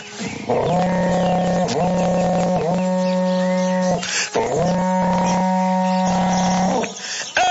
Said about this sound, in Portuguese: pra vocês agora, um berrante daqueles, olha só.